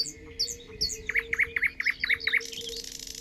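Several birds sing together in a forest at dawn in mid-June: one repeats a quick run of about seven clear whistled notes while thinner, higher chirps flit around it, without any talking.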